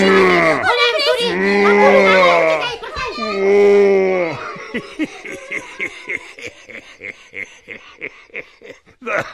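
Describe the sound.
Two long, loud, moaning growls, like a voice imitating a bear, rise and fall in pitch, followed by a run of short rhythmic huffing bursts that fade in and out.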